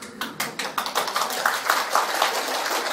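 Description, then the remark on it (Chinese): An audience claps steadily to show they are willing to cultivate good deeds, many hands striking in a dense, bright patter with a few sharper individual claps standing out at first, then blending into continuous applause. “拍手表示大家愿意修了啊！”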